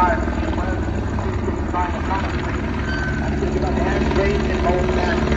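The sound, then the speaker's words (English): A police helicopter's rotor thunders steadily throughout, its loud, pulsing drone drowning out a muffled loudspeaker voice making an announcement that can barely be made out underneath. “they should figure out a way to make those choppers not so loud, because they're making an announcement that I think is important, and I can't hear any of it.”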